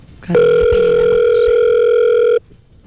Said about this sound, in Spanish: No, después del tono, grabe su mensaje.